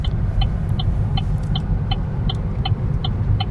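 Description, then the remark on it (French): A car drives steadily along small departmental roads in the hills of Occitanie, in the countryside of Lot-et-Garonne in south-western France, its low engine and tyre rumble filling the background, while a light, evenly spaced ticking repeats throughout. No one speaks. “Voilà, on est sur la route dans les collines d'Occitanie, des petites routes départementales qui vont nous conduire dans l'arrière-pays d'Agen, dans le Lot-et-Garonne,”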